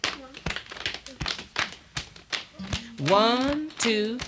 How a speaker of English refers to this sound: Okay, rest a bit. This time, count and slap your thighs and beat your chest. All right.